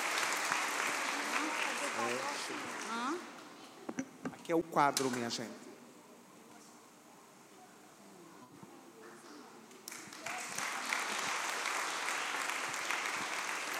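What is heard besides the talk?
audience applause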